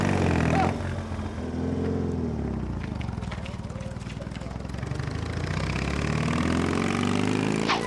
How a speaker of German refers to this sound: Also, wenn man sich das anschaut, das ist im wahrsten Sinne des Wortes hier verdeckte Ermittlung. Da kann man als Polizist wirklich heimlich irgendwie hinter Verbrechern herfahren. Dreh noch mal eine Runde, das ist echt stark. Das Zaubermotorrad.